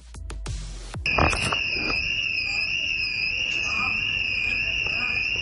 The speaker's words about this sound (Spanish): Una alarma que ha estado sonando cerca de 40 minutos pasadas las 12 de la noche. Los vecinos de Monte Alto aseguran que llevan días sin dormir. Una alarma ha perturbado su descanso desde hace una semana.